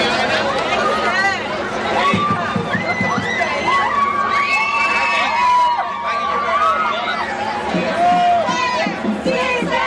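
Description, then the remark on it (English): A large marching crowd cheers and shouts continuously, with high whoops and overlapping voices layered over a dense background of chatter, loud throughout, as it moves over a bridge of the 101 freeway. “The crowd's still moving by the, I guess, the beginning point as they went over the bridge of the 101 freeway.”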